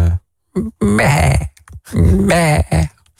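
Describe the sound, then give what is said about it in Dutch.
A person imitates a sheep, letting out two long, loud, wavering bleats with a shaky, quavering pitch, each framed by short grunting bursts, with brief silent gaps between. “Ik hoor een schaap, maar ik zie geen schaap.”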